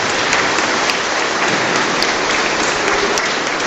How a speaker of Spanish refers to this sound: Démosle un fuerte aplauso a la Virgen del Carmen.